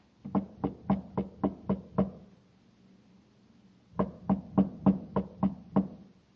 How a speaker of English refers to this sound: Now, on a side street in Kepler City on the planet Mars, a thin, stoop-shouldered man climbs a stairway at the side of a shabby machine shop. He knocks at a door.